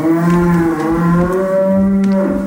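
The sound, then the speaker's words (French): Cattle lowing in the countryside, with long, loud, overlapping moos that hold a steady low pitch and rise slightly near the end. No one speaks. “Dans l'humour en tube, Fred a repéré des urbains qui ont totalement craqué pour la vie à la campagne. Vous entendez ?”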